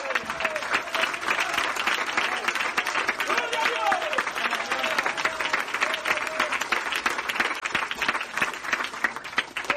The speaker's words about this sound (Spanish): yo voy a aplaudir por algunos de ustedes que están más muertos que el diablo.